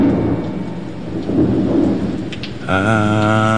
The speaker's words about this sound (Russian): Меня интересовало, куда ты деваешься во время грозы, такой, как сегодня. Ух, да, немного укрытия от этого камня. Ветер уж очень сильный.